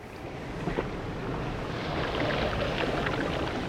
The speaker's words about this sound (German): Es ist ein besonderes Fleckchen Erde. Die Wellen der türkisblauen Karibik schlagen auf dem palmengesäumten Sandstrand von Santa Marta auf.